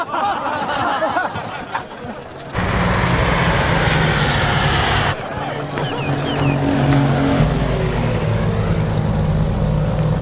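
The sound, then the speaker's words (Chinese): A propeller airplane's droning engine roar sets in abruptly and grows steadily louder, a rough low hum with a broad rushing noise that builds toward the end. “飞机来了，快散开！”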